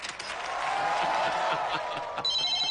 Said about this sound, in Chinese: 呀，这咋还来电话了呢？